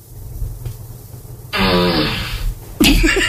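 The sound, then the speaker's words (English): A fart sound effect played on request by an Alexa smart speaker bursts in after a quiet hum, a loud, buzzy, rippling blast lasting about a second, followed shortly by a second sharp, noisy burst. “Alexa, ask for a fart.”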